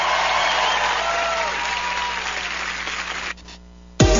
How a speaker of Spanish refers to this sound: aplauso fuerte